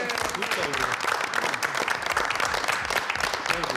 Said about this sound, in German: Schön. Applaus.